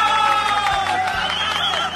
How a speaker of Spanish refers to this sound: Saludos para los chicos de Swing Latino, ¿eh? Escuchando la radio esta hora de la noche. ¡Aplauso para ellos!